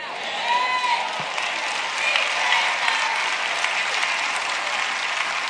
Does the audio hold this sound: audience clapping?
yes